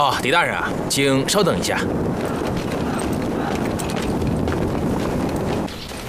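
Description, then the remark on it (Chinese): Horse hooves clip-clop in a steady, rapid patter against a dense, windy rumble, with a brief horse-like whinny at the start before the hoofbeats continue fairly loud: Di Renjie riding a single horse alone out of the city. “这狄仁杰只身匹马一人出城”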